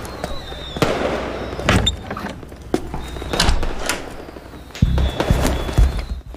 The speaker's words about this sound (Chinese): 哎呀，外面放鞭炮，不用管他， 我得去看看。